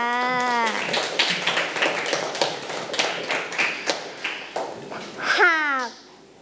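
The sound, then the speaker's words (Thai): A group of children in a lesson claps hands for a classmate who answered well, in a quick, uneven burst of overlapping claps lasting several seconds, with a high-pitched voice heard briefly at the start and again at the end. “เก่งมากค่ะอาปรบมือให้เพื่อนด้วยค่ะ”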